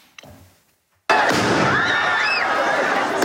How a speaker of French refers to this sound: Des tirs de mortier entraînent un mouvement de foule dans le quartier Saint-Germain.